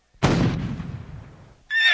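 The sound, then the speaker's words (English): A single loud cannon blast, fired at the Pay-Tee House Hotel to signal the ferry boat for the first Pony Express mail, booms out and rumbles away over about a second and a half, then a horse whinnies sharply right after. No one speaks. “Sound the cannon to signal the ferry boat.”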